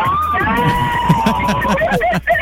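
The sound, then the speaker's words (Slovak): The people in car number 3 cheer and yell together at once to celebrate a correct quiz answer, a loud, chaotic burst of overlapping voices held for about two seconds, breaking into scattered higher whoops at the end. “Dobre, toto trošičku znelo ako autonehoda, takže nebudeme úplne takto míliť našich poslucháčov.”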